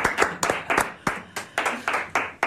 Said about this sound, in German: Applaus!